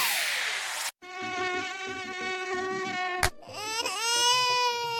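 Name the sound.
mosquito buzzing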